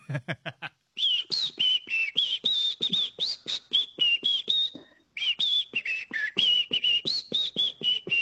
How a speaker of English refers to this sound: I can whistle with fingers and I can whistle with my tongue